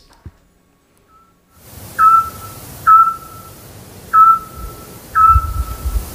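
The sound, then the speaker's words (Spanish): A Eurasian scops owl calls at about 10 at night in the centre of Peñaranda de Duero, giving four short, clear, mellow whistled notes at a steady, unhurried pace, heard alone over a faint low background rumble. “Hombre, el autillo.”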